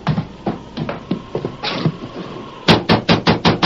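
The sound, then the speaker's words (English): Scattered softer thumps and shuffling give way to a loud, rapid burst of about six firm, evenly spaced knocks on the door of a ranch house during a wind and rain storm, with no voices heard. “We've certainly knocked loudly enough for him to hear.”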